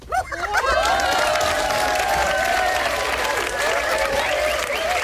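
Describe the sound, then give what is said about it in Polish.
An audience claps loudly and steadily for about five seconds, a dense continuous patter with sustained cheering or whooping voices rising over it. “O, klaskacze też są pełni energii, czyli mają prądu.”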